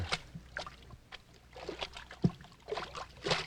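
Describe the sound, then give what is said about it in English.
Repeated watery splashes and sloshes of feet wading through ankle-deep water inside a mine cavern come in irregular bursts, with a low steady rumble underneath and no talking. “Hey, we're in water over our ankles.”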